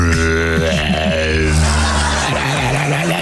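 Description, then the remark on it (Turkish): A man growls and grunts in a deep, rough, sustained voice, imitating the way his friend's father talks, not a bear, loud for a few seconds with no words. “Nasıl bir sesli ayının hırıltısı?”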